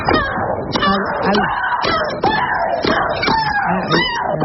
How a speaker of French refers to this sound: Oui, alors celle que vous entendez, c'est la russe Maria Sharapova qui joue au tennis. Un de ses cris a été enregistré à 101 décibels. C'est plus bruyant qu'une tondeuse à gazon.